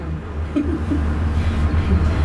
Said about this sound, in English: Everyone sits, the doors close. Seconds later, the car speeds up and out of the station. In some of the cars, people talk softly.